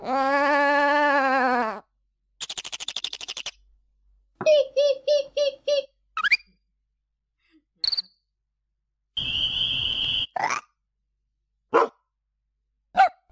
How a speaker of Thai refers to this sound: อันนี้เป็นเสียงนี่เหมียวเหมียวมีสองแบบนะคะ